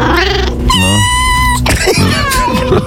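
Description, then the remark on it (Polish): A cat meows, one drawn-out tonal cry followed by a few shorter, rougher mews, loud and clear with no talking. “I teraz jeszcze, kotku, drugi numerek.”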